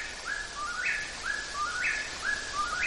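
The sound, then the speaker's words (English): A whippoorwill, a nightjar, calls its three-note phrase over and over in a quick, steady rhythm, loud and clear, in northeastern Minnesota, with a soft hiss of leaves rustling in a light breeze behind it. “Whippoorwills belong to a family of birds that are called nightjars, and they're basically insect eaters.”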